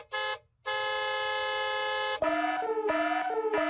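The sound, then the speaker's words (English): An email alert sound effect: a short honking tone, a brief gap, a long sustained honk, then a quick run of bouncing, shifting horn-like notes. Loud and clear, with no talking. “Oh, that's the email alert already.”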